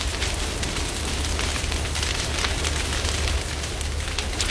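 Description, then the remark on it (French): A wildfire flares up on the other side of a path and burns with a steady, loud roar, dense crackles and sharp pops breaking through a deep rumble, with no voices. “Mais aussitôt, c'est de l'autre côté du chemin qu'une autre flamme apparaît.”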